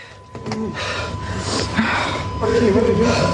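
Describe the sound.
Heavy, ragged panting from someone nearby, a run of loud breathy gasps with some strained voiced sounds, over a steady background hum.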